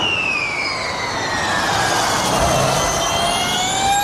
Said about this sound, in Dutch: Ik dacht eerst dat we vuurwerk te horen kregen, maar dat was wat anders. Dat gaat wel zo hard als een vuurpijl, denk ik. Ja. De Formule E is dit, dat laatste geluid wat u hoort.